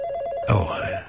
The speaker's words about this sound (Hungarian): Egy pillanat, a telefon. Át kell mennem a másik szobába.